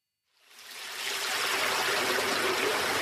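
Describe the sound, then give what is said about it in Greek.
Steady rushing stream water fades in within the first half second, then flows on continuously, full and fairly loud, with a bright splashing hiss and no voices. “Δύναμη νερού. Πάει το φράγμα της δίψας.”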